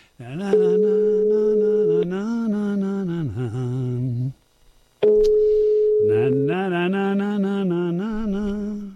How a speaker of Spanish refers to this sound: Estoy llamando por teléfono, pero es que no pita, ¿eh? Ahora, mira, ahora pita. Antes ni pitaba.